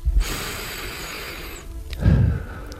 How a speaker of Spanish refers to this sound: Quiero oír la respiración del invitado, de este hombre que tiene 4 premios Ondas y que tiene una voz que han oído nuestros oyentes durante muchos años, a muchas horas diferentes.